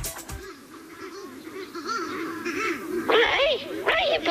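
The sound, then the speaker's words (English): A flock of mutton birds out on the road calling all at once, a dense, continuous chorus of overlapping honking cries that swells into louder, harsher bursts toward the end, busy. “You've left the gate open, or the bloody mutton birds have gotten out. They're all over the road.”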